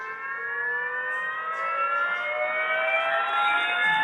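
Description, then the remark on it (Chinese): A siren played by a redshift-and-blueshift science exhibit after a button is pressed sounds continuously, its buzzy, harmonic-rich tone gliding slowly upward in pitch, the Doppler shift steady and even. Loudness holds fairly constant, with no voices. “比如说像 车的鸣笛， 哎，有道理。那您能来模仿一下吗？或者 是 警车、救护车，他们从远处向我们开过来。”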